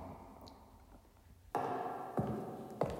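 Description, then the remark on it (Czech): A door in a castle, slammed shut by a draft, bangs three times in succession, each a sharp, fairly loud wooden thud, over a low, murmuring indoor background with no speech. “Obyčejnej průvan. Přibouh dveře a dveře přiskřípli Kastelánově kočce ocas.”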